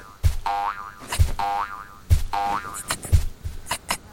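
A cartoonish boing effect repeats four times at an even, bouncy rhythm, each springy twang wobbling in pitch with a low thump at its start, for a kangaroo jumping very high in big bounds.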